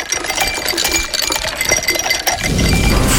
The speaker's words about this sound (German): kannst du die Eiswürfel bitte nochmal? Klar.